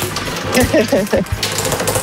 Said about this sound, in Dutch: mag je nu gaan draaien aan het Rad van Fortuin